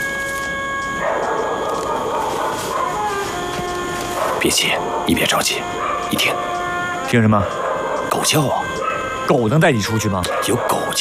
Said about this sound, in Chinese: 你听， 听什么？狗叫啊！ 狗能带你出去吗？ 有狗叫。 说明附近可能住着老乡，我去找老乡问问。